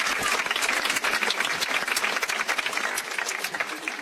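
Steady applause from a sizable audience, dense overlapping claps filling the room at a constant, fairly loud level throughout, with no voices standing out.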